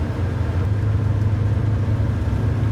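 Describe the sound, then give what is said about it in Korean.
A steady, low engine rumble of an old bus driving for a long time along a country road past rice paddies in the morning, with a constant droning hum and a faint rattly road noise throughout, moderately loud, with no talking. “버스는 시골길을 한참을 달렸다.”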